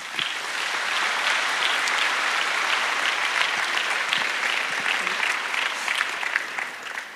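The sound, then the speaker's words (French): A crowd of people claps steadily for several seconds in thanks to the sanctuary staff, a dense, sustained wash of applause at a consistent level that tapers slightly at the end. “Alors merci à eux, on peut aussi les applaudir.”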